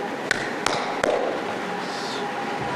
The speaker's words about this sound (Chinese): 咱俩的关系不用矫情这个，直接敲门没关系。 直接敲门、 啊，敲门就行啊。